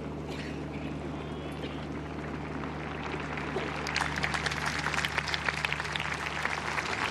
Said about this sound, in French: Les pèlerins qui applaudissent ce discours du pape Léon XIV, une ode à la Vierge Marie